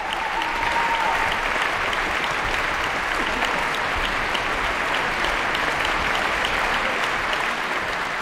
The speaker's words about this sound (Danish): Ja, stort bifald til de 8 musikere, der har været på scenen her. 8 solister er det nærmest, når det gælder det her store værk af George Enescu.